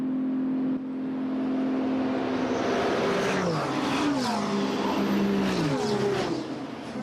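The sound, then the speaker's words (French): Endurance race cars, including LMP3 and GT3 category cars, roar past on a track during a race, several cars in succession, their pitch rising and sweeping as they rev through gears, loud and continuous with no talking; an LMP3 car runs into the gravel trap. “Attention à cette LMP3 qui est passée dans le bac.”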